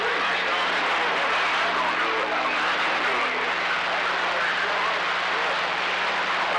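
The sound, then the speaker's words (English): A steady, broad roar of an airplane overhead, holding an even loudness throughout without clearly rising or fading, like a jet droning across the sky. “Plane going on.”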